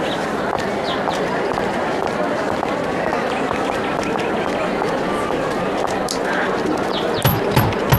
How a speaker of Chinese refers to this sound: 哟，有人敲门啊。